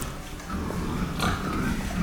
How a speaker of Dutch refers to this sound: Kijk, ja, dit zijn ze. Dit zijn de varkens. En hier kun je zeg maar, hier kunnen ze gewoon de weide in. We lopen door de stal. Even kijken hoor.